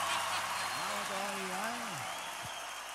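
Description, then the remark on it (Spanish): Steady, dense applause from an audience at a live band concert fills the whole stretch, a broad wash of clapping with a brief voice rising underneath partway through. “Fuerte el aplauso.”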